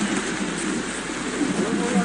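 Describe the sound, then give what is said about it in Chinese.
Steady rain hisses throughout in the evening as it gets dark, a dense, even wash of falling drops at moderate loudness with no pauses, and a voice seems faintly present beneath it. “因为赶上下雨，这批货必须要尽快出手。”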